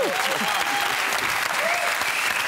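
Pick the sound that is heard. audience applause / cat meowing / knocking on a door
audience applause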